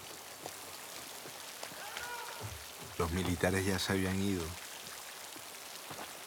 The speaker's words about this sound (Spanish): Meses después seguía lloviendo.